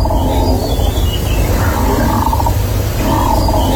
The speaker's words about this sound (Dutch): Het is een windmolen. Huh? Die op een paar honderd meter van de boerderij staat.